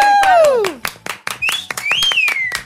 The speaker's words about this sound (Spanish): Pues muchas gracias, chicas. Por favor, un aplauso.